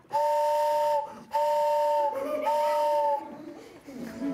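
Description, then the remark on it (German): A hand-cranked barrel organ, not powered by electricity, plays high and low pipes together to imitate a train whistle: three sustained two-tone whistle blasts, steady and loud, with brief gaps between them and a faint breathy hiss underneath. “Wenn man die zusammenspielt, hat man eine Eisenbahn.”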